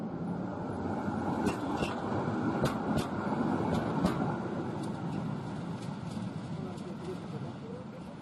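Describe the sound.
An old historic tram in Warsaw, shuttling during the Warsaw Museum Night, rumbles steadily along its tracks, loud, with a few sharp metallic clicks and clacks from the wheels over rail joints, and faint voices in the background.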